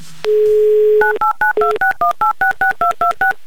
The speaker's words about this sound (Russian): Номер телефона мы набрали, теперь мы по традиции ждем гудки, как обычно.